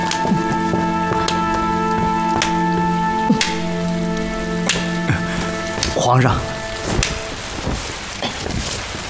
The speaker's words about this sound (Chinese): 哎呦，皇上，这外头下雨天的， 要不怎么叫赏雨呢？